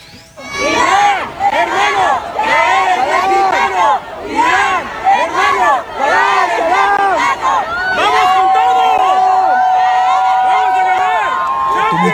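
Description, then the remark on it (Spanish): A large crowd in Tijuana, Baja California, Mexico, chants loudly in a steady, repeating rhythm, seeing off Iran's national team as it leaves for its debut against New Zealand; many voices rise and fall together; toward the end a long, steady high tone sounds over the chanting. “Escuchen cómo despidieron a la selección iraní cuando salía con rumbo a su debut, que está sucediendo en este momento, contra Nueva Zelanda.”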